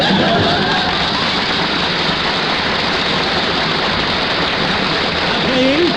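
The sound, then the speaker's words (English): A crowd applauds steadily for about six seconds, a dense, even wash of clapping at constant loudness, with a voice briefly rising over it near the end. “Please, don't applaud.”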